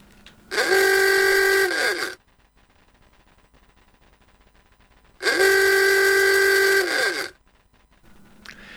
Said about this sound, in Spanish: El típico claxon del Forté que se tocaba con una pera de goma y luego el inconfundible traqueteo del motor del Forté.